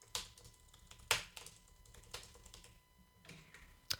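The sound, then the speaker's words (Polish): Soft typing on a quiet computer keyboard, showing how loud its key presses are: a handful of irregular, quiet key presses with brief bright clicks, spaced unevenly over a few seconds, with no voices. “Jeszcze zaprezentuję, a właściwie spróbuję przynajmniej zaprezentować głośność wciskania klawiszy.”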